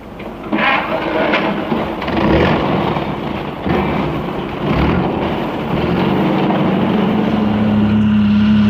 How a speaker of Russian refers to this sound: Я взбираюсь в кузов, мы трогаемся.